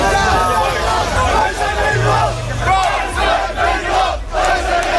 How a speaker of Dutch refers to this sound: Daar is een demonstratie van extreemrechtse actiegroepen aan de gang.